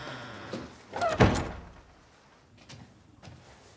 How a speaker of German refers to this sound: Tür zu.